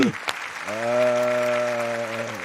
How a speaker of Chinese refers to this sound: 承蒙诸位掌声，不胜感激呀、啊！